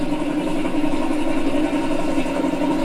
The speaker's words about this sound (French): Grosso modo, c'était plutôt le baudouin. C'était un DK3, alors lui c'était spécial. Hein. Pop, pop, pop, pop, c'est le nombre. Si vous voulez, quand ça fait ça, c'est qu'il n'y a pas beaucoup de cylindres.